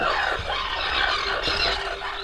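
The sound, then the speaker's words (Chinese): A dense, continuous chorus of harsh, high-pitched squealing calls from a breeding colony of greater crested terns overlaps without pause, loud and grating, with many birds calling at once and no speech. “这些鸟叫什么名字？ 这个是大凤头鹦鸥。”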